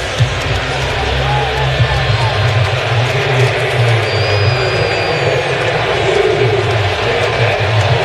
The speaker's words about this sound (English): Kind of a nervous silence here at the stadium. You can hear a little bit of a buzz.